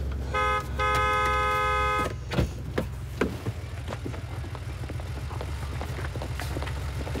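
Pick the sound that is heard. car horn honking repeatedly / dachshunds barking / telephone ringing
car horn honking repeatedly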